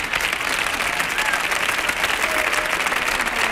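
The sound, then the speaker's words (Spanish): Steady applause from an audience fills the whole stretch, a dense patter of many hands clapping at an even, fairly loud level without a break. “Te aplaude uno, aplaudimos todos, ¿eh?”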